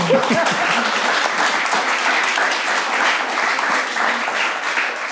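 A crowd applauds steadily, a dense wash of many hands clapping at an even volume throughout, with a brief voice audible at the very start.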